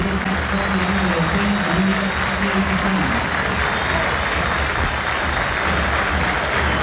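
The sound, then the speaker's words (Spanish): A stadium crowd at a Boca football match applauds steadily as Sebastián Villa leaves the pitch on being substituted, a dense wash of clapping that holds at an even loudness throughout, with a low murmur of the crowd underneath during the first few seconds. “Algunos aplausos, decía.”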